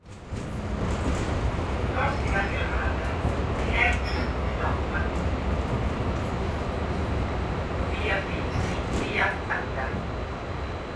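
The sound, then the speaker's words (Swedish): A steady, loud low rumble of a tram rolling through Milan, Italy, with brief high squeals and faint muffled voices in the background. “På spårvagnen bläddrar jag i La Scalas vårprogram”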